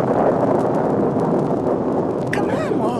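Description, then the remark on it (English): A loud, continuous, deep rolling rumble of thunder fills a howling thunderstorm, with a sharper burst near the end as a voice begins to emerge. “Standing here in a howling thunderstorm and carefully emptying your pockets of cigarettes?”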